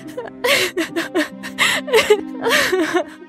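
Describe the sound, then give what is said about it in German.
A voice acts out a princess crying: a run of breathy, shuddering sobs and gasping whimpers in quick uneven bursts, fairly loud, with no other sounds. “In diesem Moment begann die Prinzessin zu weinen.”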